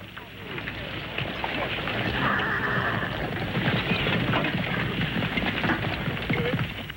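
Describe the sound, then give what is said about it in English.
Many hooves clatter steadily as a company of horses moves out on the order to mount and go forward, with a horse whinnying partway through amid a dense, busy commotion of movement and indistinct voices. “Now, on your horses.”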